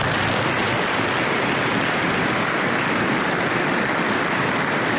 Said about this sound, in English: And I want to take a moment to recognize the immense sacrifices that the Dragoon families make to support their troopers. Please join me in a round of applause for the Dragoon families.